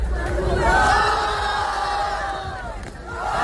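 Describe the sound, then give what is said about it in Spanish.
A large crowd, standing in a circle at a street battle, roars and yells together, applauding or booing two young people battling in the centre, a loud, sustained mass of shouting voices that swells and dips slightly but never stops, with overlapping whoops and jeers. “A ver, un círculo de público que aplaude o abuchea a dos chavales en el centro batallando.”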